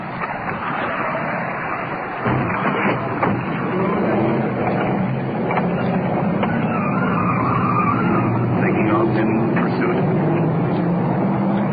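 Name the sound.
car driving off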